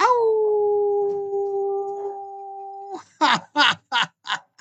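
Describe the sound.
A person imitates a howl: one long, steady, loud wail held for about three seconds, then four or five short, rising yelps in quick succession.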